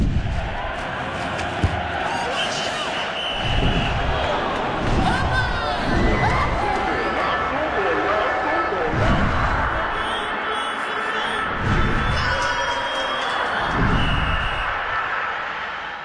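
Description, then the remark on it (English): A soccer (football) stadium crowd buzzes continuously while fans chant together, melodic yet off-key, punctuated by steady, rhythmic low thumps roughly every couple of seconds and occasional high-pitched whistles. “The constant buzzing from the stadium, the melodic yet off-key chanting from the fans, the whistles, the rhythmic cadence of announcers calling the plays.”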